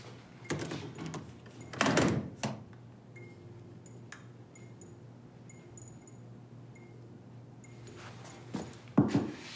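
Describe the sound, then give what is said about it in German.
A door is pushed shut with a couple of firm wooden knocks and a latch click, followed by quiet with faint ticking, then another clunk near the end. “Die Türen bleiben hier wirklich nur angelehnt.”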